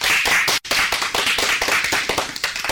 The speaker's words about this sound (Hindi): बिल्कुल सही जवाब, जोरदार तालियां हो जाए।